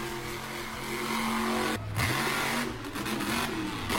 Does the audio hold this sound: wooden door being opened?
no